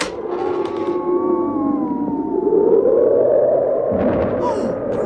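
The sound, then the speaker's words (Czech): Howling wind of a blizzard, with snow knee-deep: a steady, loud rush of noise with wavering, whistling tones that slowly rise and fall in pitch, swelling slightly toward the end. No voices are heard. “Ale pan, to je fujavice. A krop je tu až po kolena. A vítr mi vzal čepici.”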